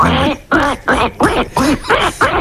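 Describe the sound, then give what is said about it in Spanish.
A person imitates a duck, letting out seven loud, nasal quacks in a quick, steady rhythm, with short pauses between each call. “Bueno, pues el hacemos el pato.”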